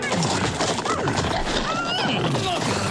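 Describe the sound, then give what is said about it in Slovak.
A huge herd of steppe horses: several whinny and neigh over a busy, continuous clatter of hooves, loud, the calls rising and falling repeatedly throughout. “Tu zazrel velikánske stádo stepných koní.”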